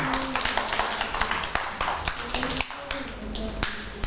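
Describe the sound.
A group of children clap their hands in a steady stream of quick, overlapping claps that keep going the whole time, with voices talking over the applause.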